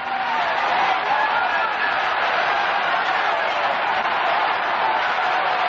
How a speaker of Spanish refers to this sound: ¡Aplauso ahí a Dios! ¡Aplauda a Dios! ¡Aplauda a Dios!